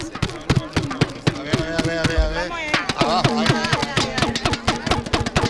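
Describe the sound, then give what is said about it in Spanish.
Rapid, sharp plastic clacks from handheld World Cup clapper noisemakers rattle in irregular bursts over cheerful voices and background chatter, among people from Ceuta, in front of a balcony. “si quieres despedimos con los aplaudidores o tenemos más tiempo para seguir aquí con los ceutíes.”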